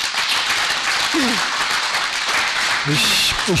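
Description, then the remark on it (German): A crowd applauds steadily with dense, sustained clapping at a public meeting, while a few voices briefly speak up over the noise. “Ich kann das verstehen, aber es bringt nichts, wenn Sie hier uns Beifall klatschen.”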